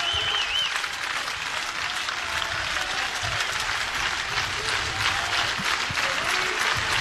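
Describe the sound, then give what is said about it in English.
A college baseball crowd claps steadily to encourage the senior left-handed pitcher Jalen as he goes for the second out, a dense, even patter of many hands that stays loud for the whole stretch, with a faint whistle early on and no clear speech. “Crowd trying to encourage the senior southpaw for out number two.”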